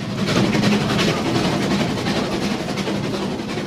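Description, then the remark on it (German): A steam locomotive at Rigi Kaltbad chugs with steady rhythmic puffs layered over a loud, continuous hiss of steam and a low mechanical rumble. There are no voices. “Es hat unheimlich gedampft und gezogen und gezischt.”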